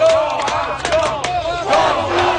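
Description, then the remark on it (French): A loud crowd of Montreal Canadiens hockey fans in Buffalo cheers and chants in unison, voices rising and falling in a rhythmic roar with sharp shouts cutting through, sustained throughout. “Ils étaient un peu moins nombreux qu'à Montréal, mais les partisans du Canadien présents à Buffalo ont su faire entendre leur voix.”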